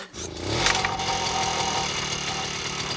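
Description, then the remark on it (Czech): A small lawnmower engine catches and starts, then settles into a steady, loud, rapidly chugging run with a low rhythmic putter and a buzzing rattle on top as the mower is driven, cutting grass. No voices. “Já jedu a řídím strojek, který seče trávu.”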